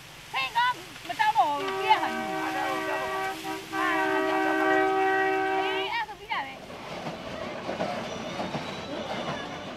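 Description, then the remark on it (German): A train rolls along the main line through Myanmar's agricultural central plain, heading toward Mandalay, with a steady rumble, and a long, loud horn blast with several stacked tones sounds for about four seconds. Brief chatter of voices comes before the horn, and rumbling follows. “Hier, auf der Hauptstrecke, geht die Reise wieder flotter.”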